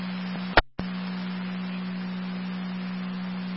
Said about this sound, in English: Repeating to Rapid, second set of tones for EMP.